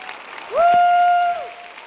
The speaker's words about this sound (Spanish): Dale un aplauso a Él, porque Él es bueno.